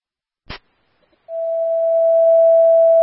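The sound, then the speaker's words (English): A sharp click, then after a short pause a single loud, steady electronic fire dispatch alert tone begins and holds at one pitch without wavering until the end, sent over the radio for Engine 3 responding to a diabetic problem call. “Well, you can disregard your tones.”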